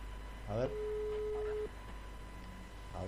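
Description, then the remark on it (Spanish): A single steady telephone ringing tone sounds for about a second, clear, with brief fragments of a voice just before it and again at the end; a live call being placed over the internet to a town mayor. “Lo está llamando en vivo al intendente. Lo estamos llamando en vivo.”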